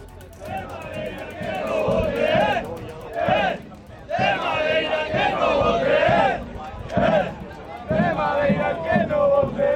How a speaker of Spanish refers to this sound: Son cánticos y banderas también ondeando para calentar motores de cara a los ánimos